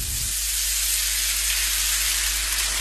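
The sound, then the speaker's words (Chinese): Chicken pieces from a chicken of about six months and ginger are stir-fried and sizzle loudly in a hot wok, a steady, dense crackling hiss that fills the whole clip with no voices. “生姜与鸡块爆炒，”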